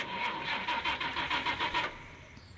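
A racing car engine snarls in quick rhythmic pulses for about two seconds, drops away briefly, then bursts back loudly at the very end. No voices. Linked to the fourth round of a motor racing championship on roads around Los Menucos, with 39 drivers entered.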